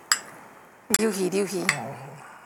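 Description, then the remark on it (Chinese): Metal utensils scrape and clink against a plate as food is cut, with a sharp tap near the start and a brief voice murmuring over the later clatter. “我爱食孙啊，我先切一块孙啊。”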